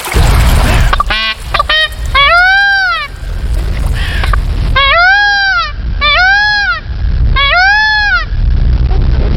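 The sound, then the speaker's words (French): A male blue peafowl calls loudly by a stream in a forest, giving a series of harsh, wailing, nasal cries that sound like 'Léon', about four drawn-out calls after a few shorter ones, spaced by brief pauses over steady outdoor background noise. “Tu entends qu'on appelle un certain Léon.”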